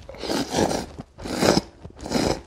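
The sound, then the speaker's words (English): Japanese noodles slurped loudly, three long noisy pulls of about a second each separated by brief pauses, with no talking. “Although if you're looking to try foods that are a little more traditional, like the famous Japanese staple of noodles, don't be afraid to slurp loudly.”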